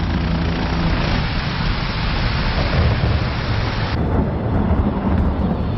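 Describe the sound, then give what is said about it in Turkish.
A heavy mountain storm on Mont Blanc roars steadily, with strong wind, dense rain and deep rolling rumbles of thunder filling the whole stretch; the broad wash of noise briefly dulls near the end but never lets up. “Yarın fırtına bitince ineceğiz.”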